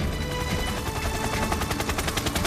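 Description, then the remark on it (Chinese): A helicopter arriving at a cleared drop point during an evacuation of mountainside villagers, its rotor making a rapid, steady chopping thump that grows more distinct over a dense, loud roar, with no voices. “书记，直升机好像来了。”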